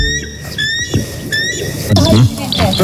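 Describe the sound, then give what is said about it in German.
A real bald eagle gives a run of thin, high-pitched squealing chirps in quick bursts, clear, followed by a person's voice for the last second. “Also so klingt zum Beispiel der echte Weißkopfseeadler.”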